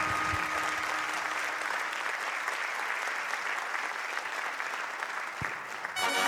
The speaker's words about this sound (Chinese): 来谢谢大家的掌声哦，谢谢。